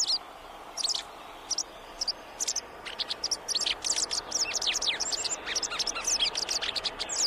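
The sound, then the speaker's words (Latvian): A white wagtail calls with quick, bright chirps, sparse at first, then coming in rapid bursts over a steady background hiss, clear. “Baltā cielava ir Latvijas cilvēkiem ļoti tuvs putns, gan fiziski, gan garīgi.”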